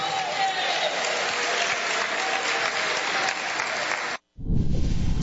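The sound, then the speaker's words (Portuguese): An audience at a service of the Igreja Pentecostal Deus é Amor applauds Jesus in a steady, dense wash of clapping that runs loud for about four seconds, cuts out briefly, then resumes with heavier, fuller clapping. “Quem aplaude a Jesus e dá glória a Deus.”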